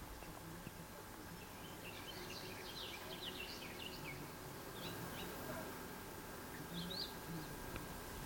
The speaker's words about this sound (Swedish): Vad säger vi att det är? Trädgårdssångare? Ja, en trädgårdssångare var det som lät här förut. Ja, där är det inte helt fascinerande att de sjunger i mitten av juli?